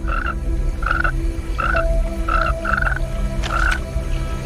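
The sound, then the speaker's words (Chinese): A large tree frog gives a series of short, nasal croaks at a steady, slightly uneven pace, six calls in about four seconds, over a constant low hum of background noise. “这只大范树蛙通过皮肤探测到了空气中的变化，它敏锐的感官发出警报，一场生死搏斗即将开始。”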